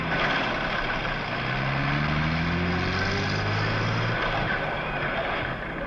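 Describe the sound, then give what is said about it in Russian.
A truck driven by a young driver with a young woman passenger pulls away, its engine revving and its rising drone climbing in pitch as it gains speed over a steady rumble of road and motor noise, loud throughout. “Шофер, улыбаясь, захлопывает дверцу. Трогается с места.”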